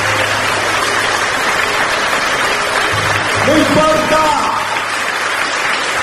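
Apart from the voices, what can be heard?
audience applause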